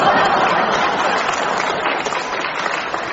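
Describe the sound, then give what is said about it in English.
A crowd applauds an old Jimmy Wheeler joke with steady, dense clapping that stays fairly loud throughout, its many overlapping claps blending into a continuous patter, with faint chuckles and murmurs mixed in. “Compton, too, joined in the applause for this old Jimmy Wheeler joke.”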